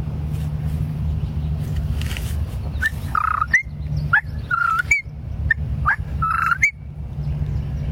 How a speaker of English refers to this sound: Whippoorwill.